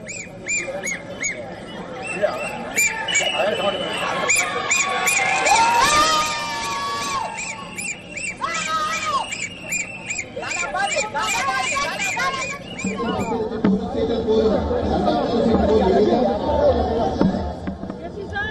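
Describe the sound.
A loud, celebrating crowd shouts and cheers continuously, with shrill whistle blasts and chanting voices rising over the dense babble; the noise shifts to a rougher, lower roar in the final seconds.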